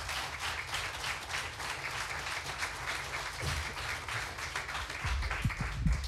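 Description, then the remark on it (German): A crowd applauds steadily for about six seconds to welcome the second finalist of a competition final, a dense, even wash of many hands clapping with no one speaking, swelling slightly toward the end. “Und wir kommen zum zweiten Finalisten, heißt auch ihn bitte noch einmal mit einem finalwürdigen 10-Punkte-Applaus hier vorne willkommen.”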